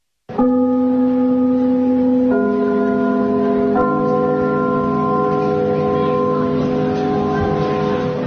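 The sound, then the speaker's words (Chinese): A theatre's curtain-opening bell, rung to signal the start of a performance, rings in a steady, sustained electronic tone that shifts pitch twice, sounding loud for about eight seconds with no talking. “听我们开幕的那个钟声，听着这都一种感情。”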